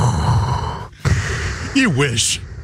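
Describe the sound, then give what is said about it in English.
A voice imitates the gasping shutoff of a CPAP machine: a long airy hiss, a brief pause, then a rasping breath that slides down in pitch before ending in a sharp exhaled hiss, fairly loud. “What's it sound like when it stops? It's more like Darth.”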